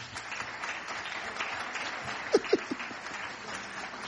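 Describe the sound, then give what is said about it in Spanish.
An audience applauds steadily, a dense wash of many hands clapping at even loudness, with a couple of sharper claps standing out near the middle. “Otro aplauso, pues.”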